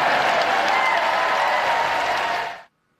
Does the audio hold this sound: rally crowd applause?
yes